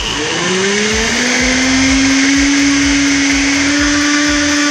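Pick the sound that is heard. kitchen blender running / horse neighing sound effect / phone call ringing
kitchen blender running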